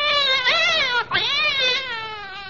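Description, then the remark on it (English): A cat yowls loudly in a long, wavering cry that breaks off briefly, then swells again into a drawn-out, pitch-bending wail. “I wish you wouldn't use a cat's tail as a pipe cleaner.”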